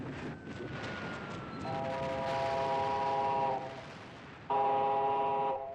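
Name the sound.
train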